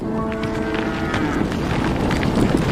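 A yak lets out a low, drawn-out moo with a droning, harmonic tone over a steady wash of outdoor noise, with no one speaking.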